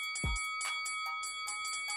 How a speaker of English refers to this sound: You hear the bell ringing. You hear the bell ringing.